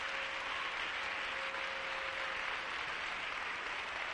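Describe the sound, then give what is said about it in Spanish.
A church audience claps steadily and loudly for the Lord for several seconds, a dense, continuous wash of many hands with no pauses and no voices standing out. “Bien fuerte ese aplauso, Señor, aquí está tu pueblo.”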